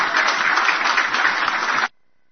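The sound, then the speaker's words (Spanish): A burst of audience applause at an event in San Borja, Bolivia, attended by the president of Bolivia, dense and steady clapping from many hands at a loud level, cutting off abruptly after about two seconds into silence. “El aplauso fácil.”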